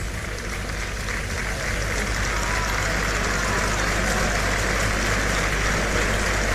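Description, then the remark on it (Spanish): A large crowd applauds the picador in a steady, dense patter of clapping that holds at an even, fairly loud level for the whole stretch, with no voices over it. “Las palmas que oyen son para el picador.”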